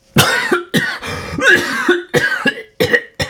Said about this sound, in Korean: 기침이 터져나왔다.